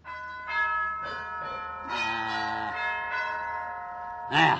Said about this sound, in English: That rips it. I'm gonna rip that whack-wacky gong box off of the wall. Yes, sir. Dad ratted thing. Throw it out on the trash pile. After all the work I put in on the dad ratted thing.